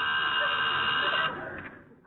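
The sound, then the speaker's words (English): A telephone rings in one steady, bright metallic burst, fairly loud, then trails off as the ring fades out near the end. No voices are heard. “Oh, there's the telephone.”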